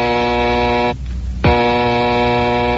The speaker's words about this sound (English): One night in the Wayne Mansion, Bruce and his young ward, Dick Grayson, have just finished dinner when suddenly the bat phone rings.